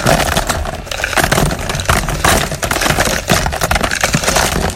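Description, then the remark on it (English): A dense, continuous rattling and clattering as this week's songs, a jumble of small hard items, are poured into a shuffle drum for a radio show's 8 o'clock shuffle feature; loud, with scraping and tumbling that never lets up. “First of all, let's empty this week's songs into the shuffle drum.”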